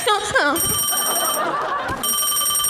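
A telephone rings in two bright, trilling bursts separated by a short pause, close and fairly loud, with a brief voice at the very start.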